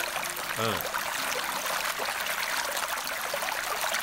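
A steady stream of water pours and splashes continuously for several seconds, fairly loud, with a brief gurgling pitch sweep near the start.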